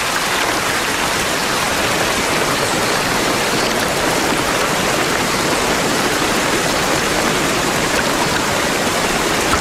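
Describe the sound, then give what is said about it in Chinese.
Dense, steady downpour hissing continuously across a broad forest canopy, a loud, even roar of countless drops with no voices and no breaks. “森林上方，大雨如注，但落到层层叠叠的枝叶下面，就变成了小雨滴。”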